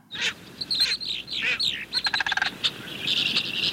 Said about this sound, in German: Oder auch der Kranich.